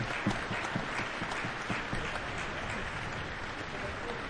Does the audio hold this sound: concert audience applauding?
yes